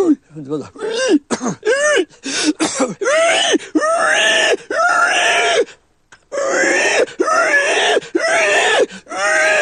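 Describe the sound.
A man imitates a dying sow from the larynx: a run of strained, squealing cries and guttural groans, loud and repeated, rising and falling in pitch, with a brief pause midway before more drawn-out wails.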